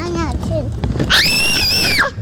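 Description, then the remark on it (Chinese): A person lets out a loud, shrill, sustained shout lasting about a second, rising then holding steady before dropping off, trying to scare away small birds, following a moment of brief vocal sounds. “我跟你说，你用声音是吓不到他们的。 还是你在学小鸟叫？”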